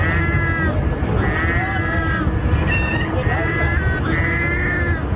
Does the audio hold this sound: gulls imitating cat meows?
yes